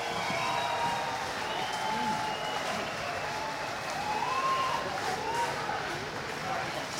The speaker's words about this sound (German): So, ich finde, Uwe und seine Band haben nochmal einen riesen Applaus verdient. Das war doch mega! Uwe!